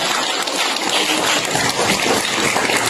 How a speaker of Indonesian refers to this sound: Tepuk tangan untuk beliaunya.